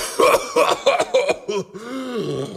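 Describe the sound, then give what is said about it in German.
A man making sound effects coughs in a rapid burst of five or six harsh, explosive hacks to mimic a bomb blast, then trails off into a low, drawn-out voiced groan. “Wenn eine Bombe explodiert, dann hustet er, wie toll!”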